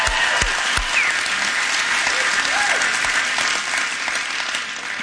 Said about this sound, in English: So I guess let's give a round of applause for Fallon, Nevada and the wonderful people here.